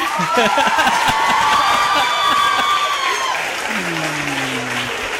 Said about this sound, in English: I think a special round of applause